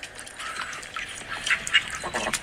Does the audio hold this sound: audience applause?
no